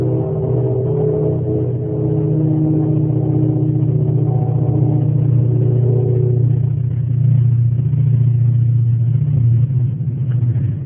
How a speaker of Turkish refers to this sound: Tabi bu arada tren geçiyor.